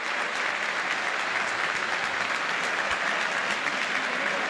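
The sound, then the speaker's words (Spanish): Sustained applause from a large stadium crowd for River goalkeeper Beltrán as he steps up to take his kick, a dense, steady wash of clapping at even loudness throughout, with no voices standing out. “Mirá el aplauso, escuchá el aplauso para Beltrán que va a patear, escuchá.”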